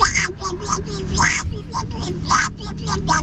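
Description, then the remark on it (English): A person does a raspy, quacking impression of Donald Duck's voice, a rapid run of squawky syllables chattering in a lively stream for a few seconds. “This is my impression of Donald Duck.”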